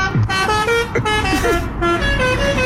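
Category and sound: vehicle, car horn honking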